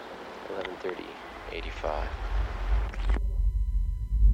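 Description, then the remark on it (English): A deep, steady rumble of water from a buried underground river rushing through an enclosed channel. Muffled voices talk over it at first, then the low roar swells louder and continues on its own. “Buried River.”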